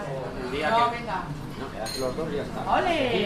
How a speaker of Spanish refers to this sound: Comienzo del día en una cafetería de Logroño.